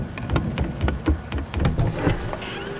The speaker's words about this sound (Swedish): Det är inte åska. Det är en flygande dammsugare som mullrar. Men var den väsnas? Hur ska vi få tyst på den?